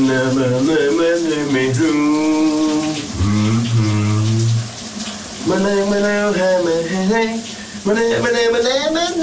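A steady hiss of shower water runs throughout, constant, while a man, a colleague at the radio station VLR, sings loudly in the shower over it in long, wavering phrases.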